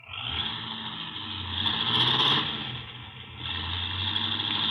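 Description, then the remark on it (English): A car with brakes that barely hold drives away in a hurry. Its engine roars steadily, swelling louder as it accelerates partway through and then settling back into a sustained rumble. No one speaks. “Golly, he's certainly in a hurry. With them brakes the way they are, he'll kill somebody if he ain't careful.”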